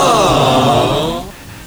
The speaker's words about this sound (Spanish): ¿Está llorando, bebé? ¿…, vas a chillar?